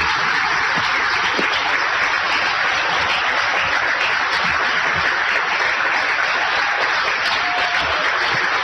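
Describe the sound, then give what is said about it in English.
A crowd at an event claps steadily for several seconds in applause for the brain injury team, a dense, even patter of many hands at a consistent loud level with no voices breaking through. “But to all the brain injury team, if you can stand, we just applaud you as well for the wonderful work that you do.”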